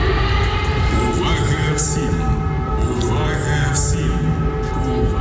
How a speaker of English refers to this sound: The eerie sound of air raid warnings, echoing around Ukraine's towns and cities for more than 4 years now. Often followed by the cacophony of its air defences.